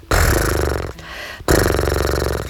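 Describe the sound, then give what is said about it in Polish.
A person blows a loud, buzzing lip trill, imitating a horse snorting, as a warm-up exercise to loosen the lips, in two bursts separated by a brief pause, each with a rapid fluttering rattle and a low voiced hum underneath. “Potrafisz tak zaparskać jak konik?”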